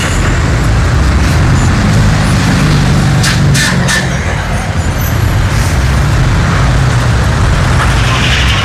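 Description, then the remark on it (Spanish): Heavy, congested street traffic at an intersection: a loud, steady rumble of idling buses, cars and trucks, jammed so that not even motorcycles can pass, with a couple of sharp air-brake hisses partway through. “Literalmente ni las motos pueden pasar.”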